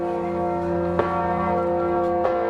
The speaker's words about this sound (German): Auf einem der Pontons schwimmt eine Glocke auf der Moldau, gehalten von einem schweren Glockenstuhl aus Holz. Fast 10 Tonnen wiegt die zweitgrößte Glocke des Landes.